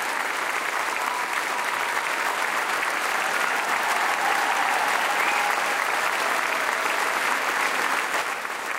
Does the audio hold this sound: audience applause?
yes